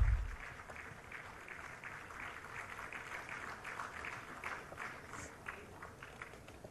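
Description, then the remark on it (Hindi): Steady applause from an audience greeting a weaving award winner at an awards ceremony, a dense crackle of many hands clapping that holds evenly for several seconds at moderate volume, with no voices over it. “जोरदार तालियों से अभिवादन कीजिए”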